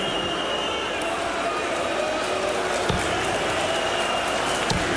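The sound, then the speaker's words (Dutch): A large crowd at a darts match cheers and roars loudly and continuously in support of Gibraltar, a dense unbroken wall of voices, with a couple of sharp thumps cutting through near the end. “Terwijl Gibraltar luidkeels gesteund wordt door het publiek.”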